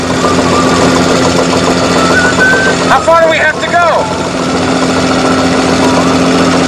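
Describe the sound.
The boat Orca's engine drones loudly at high revs, the RPM gauge needle nearing its maximum limit and dark smoke drifting from the engine compartment, a constant mechanical roar with a harsh hum, while a man's voice briefly speaks over it midway.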